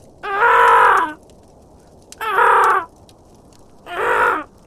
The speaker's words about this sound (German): Mittlerweile hatte sich das Krächzen der anderen Raben zu einem lauten, schrillen Singsang gesteigert. Irgendetwas hatte die Aufmerksamkeit von Merlins Artgenossen erregt.